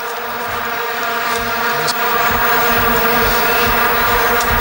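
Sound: mosquito buzzing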